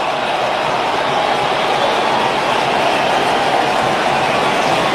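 A baseball stadium crowd at a Cubs game cheers with the bases loaded and one out as rookie Pedro Ramirez comes to bat, a loud, steady roar that holds constant for the whole stretch, a dense wash of voices without distinct claps or breaks.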